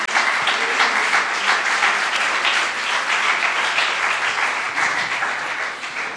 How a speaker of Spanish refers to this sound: Dale ese aplauso a esos.